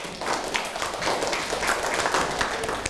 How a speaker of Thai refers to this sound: โอ้โหเยี่ยมมากเลยค่ะปรบมือให้กับเพื่อนค่ะ